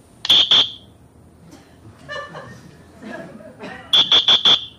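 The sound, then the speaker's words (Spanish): A whistle device shaped like a kind of shaver, made for people who referee a whole match, gives shrill, steady-pitched blasts: two quick loud toots, then a stretch of people talking, then four more short blasts in rapid succession. “Ah, bueno, pasa es que por la cámara el sonido no acaba de ser el parecido al silbato humano.”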